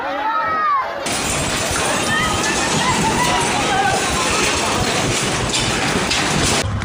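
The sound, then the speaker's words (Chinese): Buildings collapse during an earthquake near Caracas, Venezuela, on June 24, with a sudden, loud roaring rumble that holds steady for several seconds, full of crashing and breaking debris and raising dust, while voices of people in the street are faintly audible underneath. “这是6月24号委内瑞拉首都加拉加斯附近地震来袭的瞬间，目击者拍摄的画面。画面中，建筑轰塌，扬起漫天尘土，街道上聚集了许多民众，不少人惊慌奔逃，尖叫声此起彼伏。”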